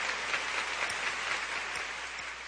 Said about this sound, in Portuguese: Mas eu gostaria de dar um aplauso ao Senhor. Vamos lá.